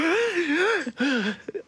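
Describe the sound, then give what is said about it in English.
A person vocally imitates the sharp, strained gasp of suddenly waking from sleep, a wavering drawn-in breath with a brief catch in the middle and a short breathy tail, fairly loud. “It's not a snort for me. It's more of a gasp. Like, am I breathing?”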